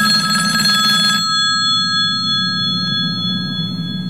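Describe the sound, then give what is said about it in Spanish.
An alarm clock bell rings loudly with a rapid metallic clatter for about a second, then its high, bright tone lingers and slowly fades over a steady low hum. “Lunes. Suena el despertador, vas a trabajar con.”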